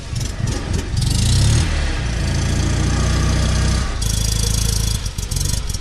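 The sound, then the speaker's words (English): A car engine runs steadily with a low, throbbing hum, its pitch rising and falling slightly as it swells in loudness, with no voices present. It is one of around 70 such cars taking part in an expedition. “Many participants viewed the chance to travel in the car as a nostalgic experience.”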